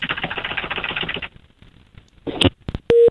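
Fast, even clicking like telephone keys being pressed to place a call, then a pause, a few sharp beeps, and a short steady telephone tone sounding at the very end. No one speaks.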